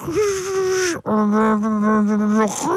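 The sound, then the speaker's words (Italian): A 56k dial-up modem connection noise of the Windows 95 era, apparently imitated by a voice: two long, steady, buzzy tones, the second slightly lower, split by a brief break and ending with a short rising squeal. “Allora, praticamente era detto 95, ecco, è bello perché si sentiranno i rumori, ecco, sentite il rumore del modem come fa?”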